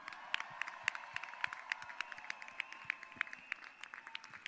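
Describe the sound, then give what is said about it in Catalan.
A crowd applauds the Coral Marinada after their pregons at the Castelldefels city festivities, with many dense, overlapping hand claps sustained for several seconds at a moderate, even level, and a faint high tone lingering underneath. “crec que es mereixen un fort aplaudiment. Vinga!”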